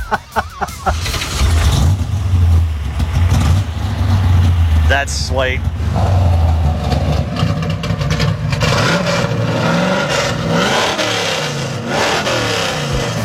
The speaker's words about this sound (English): All dart block, dart heads, 900 double pumper, MSD ignition. And I've put cutouts on it so you can, on the exhaust, so you can make it loud or make me 16 again or make me 70 again.